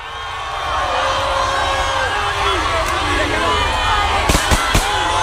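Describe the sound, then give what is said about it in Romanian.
A large street crowd of thousands of Argentina national football team fans, out in the rain in Buenos Aires to greet the world runners-up, roars and cheers continuously, a dense wash of voices and chants, with a few sharp bangs or claps near the end. “Mii de suporteri au înfruntat ploaia și au ieșit în stradă la Buenos Aires pentru a fi alături de vicecampionii mondiali.”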